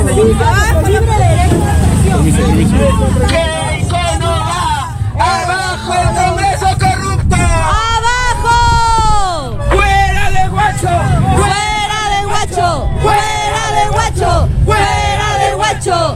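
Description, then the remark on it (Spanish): A large crowd of young people and activists, alongside National Police personnel, gathers and chants at the óvalo (roundabout) of Huacho, loud, with overlapping voices rising and falling continuously and a low rumble of road traffic underneath. “Un grupo de jóvenes y activistas junto a personal de la Policía Nacional se viene concentrando en el óvalo de Huacho para recibir, pues, ¿no?”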